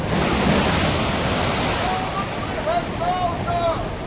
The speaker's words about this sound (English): Starboard your helm! Steady! Here comes another dreadful sea!